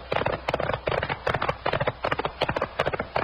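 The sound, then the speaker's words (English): Horse hooves clip-clop in a steady, fast rhythm, loud, a continuous galloping patter of a ridden horse with no voices over it. “knock on that horse. Those shots came from just ahead of us.”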